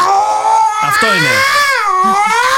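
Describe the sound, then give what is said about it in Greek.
A person wails in a long, rising and falling yowl, imitating a male cat's mating call at night, loud, with a brief spoken remark slipping in near the start. “Άλλο το ερωτικό κάλεσμα που κάνει ο γάτο.”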